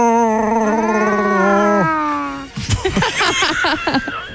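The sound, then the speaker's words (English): On a Power FM radio show, a person's voice attempts a Chewbacca sound: a long, loud, wavering howl that rises in pitch for about two seconds, then breaks into choppy, raspy yelping bursts. “Never tried to do your own Chewbacca sound? Can you do that?”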